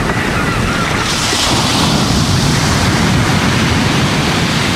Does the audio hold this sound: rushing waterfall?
yes